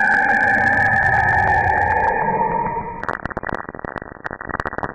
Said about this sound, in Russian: Хрипящий Сатурн.